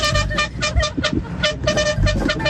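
A car horn honks repeatedly in short rhythmic bursts, loud, with a steady harmonic tone over low road rumble and no one talking, sounded by a driver on his way to São Bernardo.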